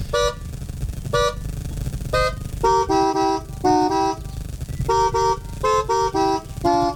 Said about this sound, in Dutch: Zo net hebben we Timmy Toeter eventjes kunnen horen. Die op zijn manier de camping heeft wakker getoeterd.